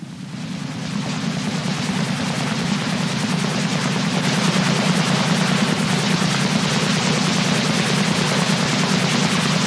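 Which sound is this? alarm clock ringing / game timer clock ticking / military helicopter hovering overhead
military helicopter hovering overhead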